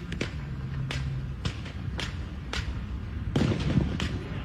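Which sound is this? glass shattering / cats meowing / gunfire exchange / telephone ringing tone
gunfire exchange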